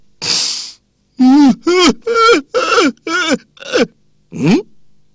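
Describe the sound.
A storyteller's voice imitates a steward weeping outside Yan Song's bedroom door: a sharp breathy intake, then a run of six or seven wavering, sobbing wails in quick succession, fairly loud, ending with a softer sigh.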